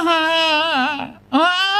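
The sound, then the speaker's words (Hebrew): A baby girl of about nine months crying because she needs to eat her dinner: loud crying in two drawn-out wavering wails, separated by a brief gasp-like pause, with no talking around it. “אחרי 2 דקות, היא עוד פעם בוכה.”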